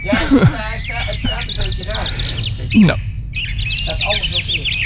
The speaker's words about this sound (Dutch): Laten we luisteraars even naar onze eigen vogels luisteren. In onze tuin hier. Naar onze eigen tuin.